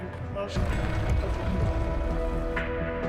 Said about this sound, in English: But it's currently raining, so.